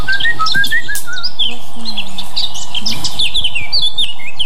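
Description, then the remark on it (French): A Eurasian blackcap sings a fast, fluted warble, a rapid run of clear whistled notes that tumbles on without pause, bright over a faint low background murmur. “C'est lui qu'on dit que c'est le rossignol de Mars, parce qu'il arrive avant lui et il chante déjà, il met de la mélodie, de la couleur dans les chants, qu'on a l'habitude.”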